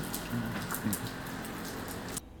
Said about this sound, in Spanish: Ahí es. Se escuchaba el ruido de la lluvia sobre la 530, esto hace un minutito nada más.